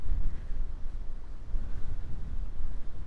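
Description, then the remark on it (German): Strong wind buffets the microphone in a steady, rumbling roar with heavy low-end gusts, loud and continuous throughout, with no voices, on Amami island in Japan. “Jetzt ist sehr windig, aber so schön.”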